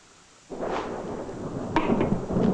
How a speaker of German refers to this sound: Großer Gott. Schon wieder ein Gewitter. Sind Sie ängstlich vor Gewitter?